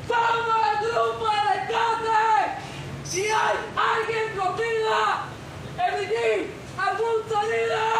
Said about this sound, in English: The motorcycles turn off their engines, the workers put down their hammers, and one of them, three stories up, screams into the large void in the middle of the rubble.